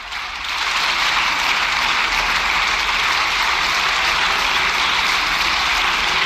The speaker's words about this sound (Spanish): Bueno, están escuchando los aplausos de la bancada del PP después de la intervención de Sergio Sánchez.